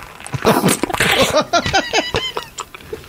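Wet slurping and sucking on juicy fruit: a fairly loud, rapid run of squelchy smacks, pops and squeaky sips lasting about three seconds, with no talking.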